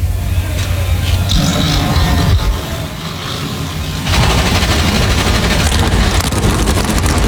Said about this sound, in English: NASCAR Cup Series cars come to life 38 strong as we get set to race the Go Bowling at the Glen.